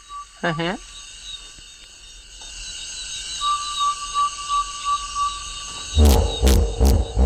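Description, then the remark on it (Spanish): A series of deep, rhythmic honking grunts from hippopotamuses bursts out loudly near the end, rising over a steady night chorus of insects and frogs, after a brief whining call early on. “Y no había visto hipopótamos, o sí, a mi manera, madre de mía. Oídas.”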